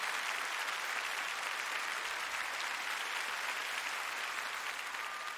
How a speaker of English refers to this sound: First, I'd just like you to notice and give tons of applause to my amazing band tonight. The string section, the horns, the rhythm. Thank you, guys, girls, ladies.